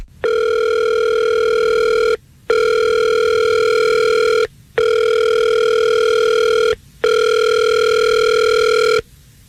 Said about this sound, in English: Let's call him right now. We'll see if we can get him on the phone.